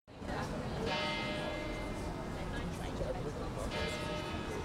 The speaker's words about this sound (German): Im Servitenviertel im 9. Wiener Bezirk läuten die Kirchenglocken zur Spätnachmittagsstunde.